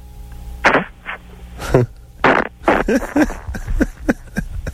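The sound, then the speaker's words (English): A string of loud fart sounds, produced on command, sputters out in quick, uneven bursts, some raspy and some deeper, over a faint steady background hum. “I like the part where, see, because people who can fart on command suck it in.”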